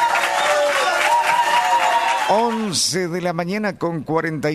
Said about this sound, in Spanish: Maravilloso el mensaje. El aplauso, por favor.